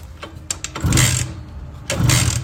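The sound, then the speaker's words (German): A Simson S51 moped, won as a birthday present, is started by turning the key: a few mechanical clicks, then two loud, rasping bursts of engine noise about a second apart as it catches and revs, with no voices. “Schlüssel rum, lass mal an das Ding.”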